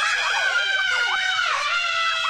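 A crowd of people screaming together on a roller coaster ride, shrill overlapping voices rising and falling in pitch, loud and sustained.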